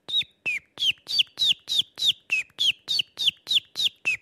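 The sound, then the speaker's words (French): A person imitates the spring song of a common chiffchaff: about thirteen sharp, evenly spaced chirping notes in a steady, monotonous rhythm, fairly loud, with no talking. “On peut essayer de faire le pouillot véloce, par exemple.”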